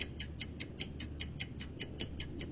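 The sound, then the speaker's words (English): A steady clock ticking used as a countdown timer for a caller's answer, at an even, brisk pace of about five crisp ticks per second, clear over a faint low hum, with no voices. “I'm going to start the clock, and the floor is yours”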